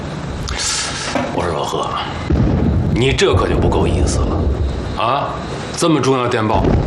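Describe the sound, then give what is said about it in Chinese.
Low, rolling booms of distant gunfire and artillery, said to come from the direction of Daping city far away, rumble steadily in the background while people talk over them in the foreground. “你听听这枪炮声，不是大平市哪儿？”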